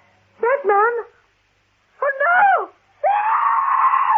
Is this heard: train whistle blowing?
no